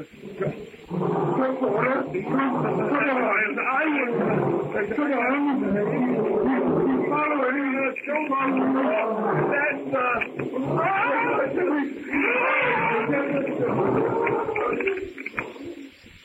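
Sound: lion roaring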